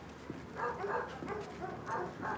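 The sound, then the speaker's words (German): A dog with no collar lets out several short, whiny yelps and whimpers in quick succession, moderately loud over a steady background hiss, with no one speaking. “Ja, der Hund hat ja nicht mal ein Halsband.”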